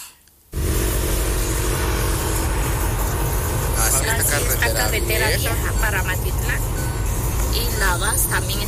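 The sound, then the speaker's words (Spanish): A steady low rumble of idling vehicle engines in a highway traffic jam on the old road to Matitlán and Navas, with indistinct voices talking over it in the second half. “Esta carretera vieja para Matitlán y Navas también está topada.”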